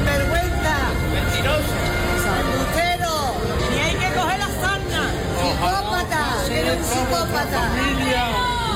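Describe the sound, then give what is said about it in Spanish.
A dense protest crowd in Ceuta shouting "sinvergüenza" at Interior Minister Fernando Grande Marlaska at the doors of the government delegation, raised voices over one another, steady and loud throughout, with individual angry cries rising out of the continuous hubbub. “A gritos de sinvergüenza ha recibido Ceuta a Marlaska a las puertas de la delegación del”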